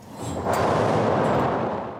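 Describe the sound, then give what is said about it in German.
A loud, continuous rumbling clatter from an analog theatre thunder machine, steel balls running by cord over wooden slats 26 metres down, dense and rattling, swelling up after a brief start and holding steady before easing slightly at the end. “Da rauschen Stahlkugeln mit lautem Gepolter per Schnur über Holzlamellen 26 Meter in die Tiefe.”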